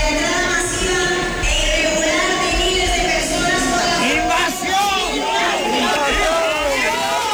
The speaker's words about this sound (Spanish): De personas interrumpían así el manifiesto que leía la alcaldesa del Partido Popular al grito de invasión. Es un grito, un cántico que se ha repetido en buena parte del país.